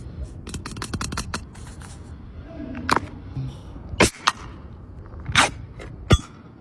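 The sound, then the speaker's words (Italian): A new tennis ball tube is opened: quick crinkling clicks of the lid, then a few sharp, loud pops and a short airy hiss as the seal breaks, with no one talking. “Questo è il rumore del tubo delle palle da tennis nuovo appena viene aperto.”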